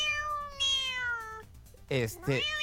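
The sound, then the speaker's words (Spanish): A generated sound effect of a kitten meowing repeatedly in high, drawn-out cries, the first long and wavering, followed by two shorter, brighter mews close together. The sound is fairly clear, with no talking. “Entonces, pueden poner gatito.”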